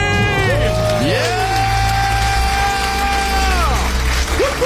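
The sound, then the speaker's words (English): A crowd erupts in loud, sustained cheering after a debt-free scream, with several voices whooping and yelling in long rising and falling shouts over dense background roar for the whole few seconds. “The crowd goes yeah. wild.”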